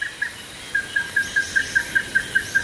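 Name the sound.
small birds singing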